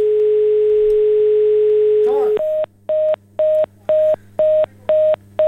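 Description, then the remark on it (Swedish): A steady telephone tone hums for about two seconds, then a brief garble gives way to a loud, evenly pulsed beeping, about eight beeps, as a caller's phone line is cut off. “Kutt ut telefonen i alla fall.”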